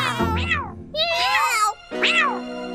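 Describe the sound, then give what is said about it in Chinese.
Three loud meows in quick succession, each a drawn-out rising and falling cry, as if several cats answer one after another. No one speaks. “那朋友，我有很多朋友，多得数不清呢，对吗，猫咪们？”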